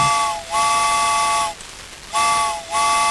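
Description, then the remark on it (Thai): A steam train whistle blows in two long, loud blasts, each with a brief pitch dip at the start, over a steady hiss of steam. No one speaks. “รถไฟจอดค้างเลยไม่ยอมไปเลย”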